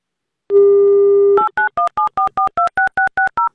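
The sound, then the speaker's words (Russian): A steady dial tone hums for about a second as Avtoradio calls a listener in the Republic of Bashkortostan for its radio game. Then comes a quick run of ten or so short, evenly spaced touch-tone beeps, each a two-pitched electronic chirp, as the number is dialed. “Ну так давайте будем ему звонить.”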